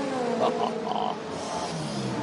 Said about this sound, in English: And listen to the V12 as it screams off of pit lane.